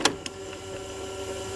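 A cassette tape is pushed into an old walkman from 1984: two sharp plastic clicks a moment apart, followed by a faint, steady mechanical hum with a low tonal whine. No one speaks.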